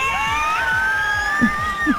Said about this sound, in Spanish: Ahí va, esos gritos de felicidad, qué lindo.